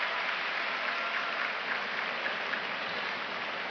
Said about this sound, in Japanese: ただ両者の激しい相撲に館内から大きな拍手が起きています。